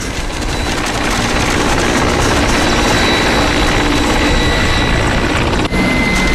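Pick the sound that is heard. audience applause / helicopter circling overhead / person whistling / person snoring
helicopter circling overhead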